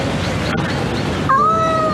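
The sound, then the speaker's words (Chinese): A cat named Tangtang, caught and being taken home, meows once from inside a carrier, a drawn-out, fairly high and steady cry that starts after a brief rustle and a quiet stretch, with faint background noise throughout. “因为他就是抓到之后，他一直在里面叫。”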